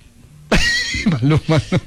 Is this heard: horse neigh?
yes